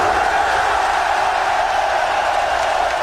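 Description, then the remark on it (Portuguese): A huge stadium crowd of Norway fans, joined by players seated on the pitch after a 3–2 World Cup win over Senegal, performs a synchronized Viking rowing chant: a dense, steady roar of many voices in unison filling the whole space, with no single speaker standing out. “Depois da partida, os jogadores europeus se sentaram no gramado e se uniram à torcida em uma comemoração sincronizada à maneira dos antepassados noruegueses.”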